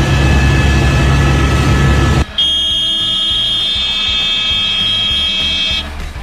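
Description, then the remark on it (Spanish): Loud helicopter noise from a news video filmed live from a helicopter covering a car accident in Los Angeles: a dense engine roar for the first couple of seconds, then a high steady turbine whine over rapid rhythmic rotor thumping, with no voices. “Ella dijo como ya vamos a salir, nota en vivo, vea, desde un helicóptero, wow.”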